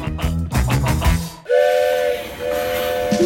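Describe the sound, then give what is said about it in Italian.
A steam train chuffs with rhythmic hissing bursts, then a loud, sustained whistle sounds twice with a brief gap, steam hiss continuing underneath. “Il treno.”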